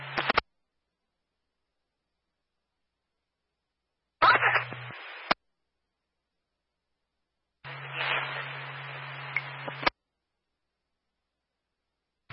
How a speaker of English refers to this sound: Still got some static there, but I am hearing your message.